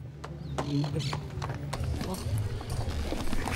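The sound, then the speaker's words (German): Horse hooves clip-clop on a hard surface in a quick, uneven rhythm as riders arrive on horseback with other charros in front of a church, with a low background hum and murmuring voices underneath. “denn wir kommen mit Pferd und unfallfrei gemeinsam mit den anderen Charros vor der Kirche an.”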